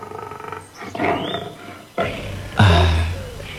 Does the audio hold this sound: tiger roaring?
yes